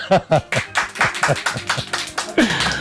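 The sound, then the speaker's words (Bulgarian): A burst of applause from an audience of colleagues, dense irregular clapping at moderate loudness, with voices calling out and cheering over it for a few seconds. “Колеги, моля ви за вашите аплодисменти.”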